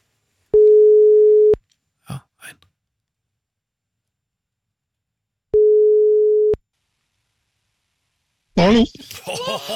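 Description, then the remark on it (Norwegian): A telephone ringback tone sounds twice, each a steady one-second beep about four seconds apart, with a brief murmur between them and a voice answering near the end. “Det ringte bare en gang her, men greit nok.”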